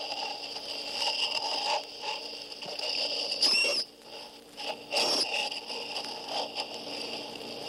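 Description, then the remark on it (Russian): High-pitched squeaks and chirps from a sirenian (sea cow), a rare animal of the coastal zones of warm seas, thin and wavering, with two louder, sharper squeals partway through, set against a steady hissing background with no talking. “Скорее, это писк и визг молочных поросят.”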